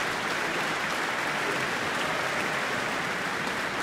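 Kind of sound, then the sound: crowd, concert audience applause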